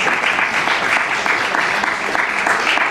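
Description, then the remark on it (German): An audience claps steadily, a dense, fairly loud wash of many hands applauding continuously for a few seconds with no one speaking over it. “Nein, die Frage verdient keinen Applaus, weil die Prämisse falsch ist.”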